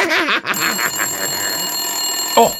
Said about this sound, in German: schon wieder Telefon. Das gibt's doch gar nicht. Wer ruft uns denn hier andauernd an?